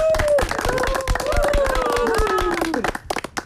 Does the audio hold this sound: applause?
yes